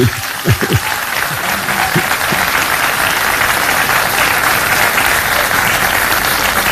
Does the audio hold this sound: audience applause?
yes